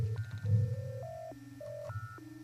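A string of clean electronic telephone tones opening a song, each held briefly before jumping to a new pitch in a steady stepping pattern, heard clear over a low, constant hum.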